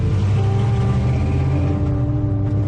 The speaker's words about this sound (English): That's Jody revving his engine, and he drives off.